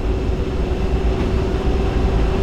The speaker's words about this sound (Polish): Czy tu na przykład słysząc, w jakim tempie porusza się ten pociąg, to możesz mniej więcej wnioskować, jaka, jakby z jaką częstotliwością, jak to wszystko pracuje, jaka to jest prędkość?